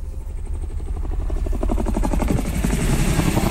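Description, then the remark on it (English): A helicopter on a scenic ride over Nitmullook Gorge: its rotor beats in a fast, steady chop, loud, growing slightly stronger as it passes overhead with a deep engine rumble underneath; no voices. “why not enjoy our beautiful Nitmullook Gorge on a helicopter ride with North Horizon Heli Adventures?”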